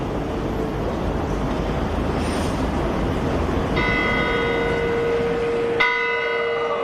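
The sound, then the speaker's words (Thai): Bells of Bern's famous clock tower, part of the old city gate, chime over steady outdoor noise, one ringing strike around the middle followed by a second, brighter strike near the end, their tones humming on as they fade. “ส่วนหอนาฬิกาที่พระองค์ทอดพระเนตรและทรงเล่าไว้ในพระราชนิพนธ์ไกลบ้านมีชื่อเรียกว่าไซคร็อกเข่นชวงเป็นหอนาฬิกาประจำกรุงเบิร์นซึ่งมีชื่อเสียงและรู้จักกันไปทั่วโลก”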